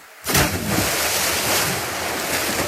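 Loud, steady rushing water of a strong river current surges in suddenly and keeps churning without a break, a dense roar, with no voices over it.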